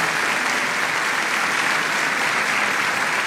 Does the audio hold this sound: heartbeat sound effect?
no